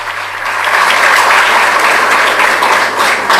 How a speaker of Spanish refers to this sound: Voy a pedir un fuerte aplauso para el director de la banda, a quien agradezco.